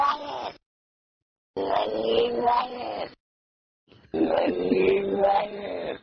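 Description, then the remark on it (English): Three loud, drawn-out cat meows played in reverse, each swelling into an eerie moan and then cutting off abruptly, separated by short silences, with no talking. “Yeah, let's do the cat backwards again.”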